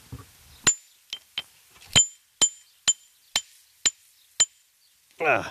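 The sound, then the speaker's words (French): A geologist's hammer strikes a hard river pebble about nine times in a steady rhythm, trying to break it, each blow a sharp metallic clink with a brief ringing tone, followed by a short burst of voice. “Alors vous avez pris votre marteau de géologue, attention.”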